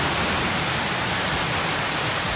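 A steady, dense roar of rushing water fills the whole clip, loud, like a torrent of floodwater pouring down a street in Santa Bàrbara, in the Montsià area of Catalonia, after heavy rain, with no pauses or voices.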